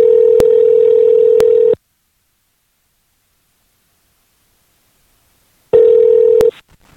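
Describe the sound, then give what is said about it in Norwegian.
A telephone call, placed to reach a woman who emigrated to the USA, rings out over the line: a steady electronic ring tone sounds for nearly two seconds, falls silent for several seconds, then starts again, with a few faint clicks along the way. “Så jeg prøvde å få tak I henne. Jeg vet hvor hun bor nå. Og skulle vært moro fått en prat med henne på telefon.”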